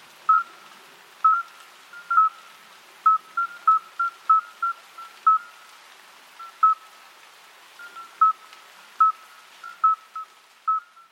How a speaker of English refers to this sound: Well, that one is actually a natural sound. That was the sound of a midwife toad. I felt like I heard like a boodoop, boodoop, boodoop thing. Yeah, that boodoop is the sound the toad makes.